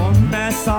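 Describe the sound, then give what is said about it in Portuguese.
A single sneeze: a voiced, drawn-in "ah" rising into a sharp, breathy burst of air, fairly loud and heard on its own, with no talk. “Ah, é, dois espíritos seguidos.”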